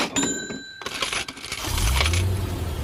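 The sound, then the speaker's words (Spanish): In a radio ad for the UPAE lottery draw, coins clink and jingle in a bright, metallic rush, scattered chimes and rattles over a couple of seconds, then a low rumble swells underneath as the jingling continues. No one speaks. “¿Escuchaste eso? Suena dinero y auto nuevo.”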